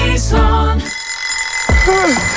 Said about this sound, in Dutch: Ja, de wekker kan vreed wezen.